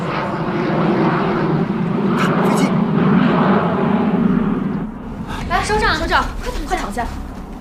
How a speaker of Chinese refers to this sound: 运输机，西北方向，临汾飞来。